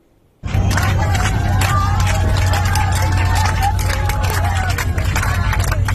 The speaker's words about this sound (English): And you can hear the passengers cheering as they finally land safely.